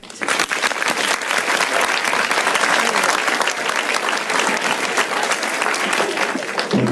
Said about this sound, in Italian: Quest'oggi ad I Love Italy abbiamo ricordato il grande cinema italiano, e abbiamo ricordato lui, il grande Nino Manfredi. Questi applausi sono tutti per lui.